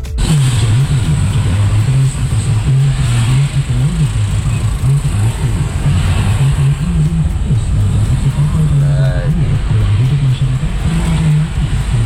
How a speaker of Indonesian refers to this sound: Nah ini tadi disampaikan untuk kondisi lalu lintas lokasi di selatan stasiun Lawang menuju ke Malang.